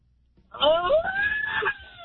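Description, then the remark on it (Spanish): A single loud, drawn-out celebratory shout from a birthday caller, starting abruptly after a brief quiet moment and holding a rising, strained pitch for over a second before breaking off. “¡Grito ahí, cumpleañero”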